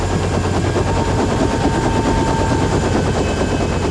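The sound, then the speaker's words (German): A loud, steady, rapid rotor chop with a broad engine roar fills the whole recording as a helicopter carrying excavator equipment passes low overhead and comes in to land on a field next to a headquarters, with no voices. “Okay, da kommt der fliegende Bagger. Das Spektakel beginnt. Was macht der? Will er hier landen?”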